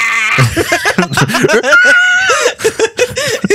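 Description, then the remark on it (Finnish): A person imitates a horse's neigh with a loud, wavering, high-pitched whinny that rises, holds and trembles for a few seconds, with no other talking. “Ei ollut kuin hevonen. Tuo on sun hevonen.”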